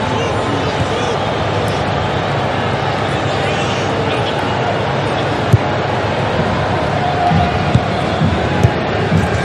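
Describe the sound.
A large football stadium crowd at a Portugal versus DR Congo match roars and cheers continuously, urging on the Congolese players, a dense, steady wall of voices with a few brief louder bursts toward the end.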